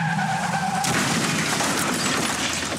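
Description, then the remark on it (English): A loud, sharp squeal of car tires skidding cuts off into a sudden burst of harsh, crashing noise of a fatal, dangerous car accident that roars on for a couple of seconds, with no voices. “ਜਾਨਲੇਵਾ ਖਤਰਨਾਕ ਹਾਦਸੇ ਲਈ ਸਿੱਧੇ ਜਾਓ।”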